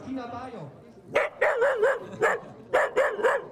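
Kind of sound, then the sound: animal, dachshund barking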